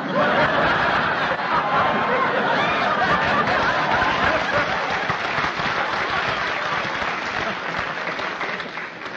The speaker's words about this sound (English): Oh, look how excited the people are. Listen to the crowds cheering. Hooray for Robert Fulton.